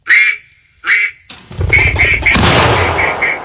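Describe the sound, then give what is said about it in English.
A flushed pheasant gives a pair of harsh squawks, then a loud shotgun blast is fired at it and a second booming report follows, with the pheasant's rapid cackling calls continuing over the noisy aftermath. “Zagurski pauses and takes aim.”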